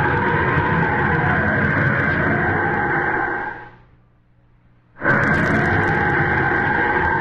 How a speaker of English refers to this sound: Far ahead on the narrow, twisting mountain road, wet and treacherous, Lois Lane desperately urges her car to its highest speed. Behind her, a second car, long and black and low, relentlessly closes in.